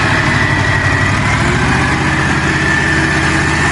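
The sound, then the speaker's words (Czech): The engine of an antique machine that is still working runs steadily at idle, a loud, continuous low chugging rumble with a rhythmic pulse and a faint high whine on top, no voices. “dívej se, starodávný stroj a furt to jede.”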